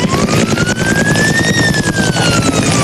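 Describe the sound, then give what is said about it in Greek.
A loud, steady roar of firefighting helicopter rotors chopping rapidly overhead as they drop water on fires in a pine forest, with a siren slowly rising and falling in pitch through the din; no one speaks. “Είναι η χαρακτηριστική ήχη από τις επιχειρήσεις σε πλήρη εξέλιξη, εναέρια μέσα, ελικόπτερα τα οποία επιχειρούν και πραγματοποιούν ρήψεις νερού αυτή την ώρα,”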